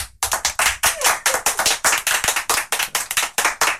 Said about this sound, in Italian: Abbiamo degli amici e amiche di Putignano. Fatevi sentire un urlo, un urlo. Applauso. Ci sono. Provate a immaginare quanti sono sulla base di questo applauso.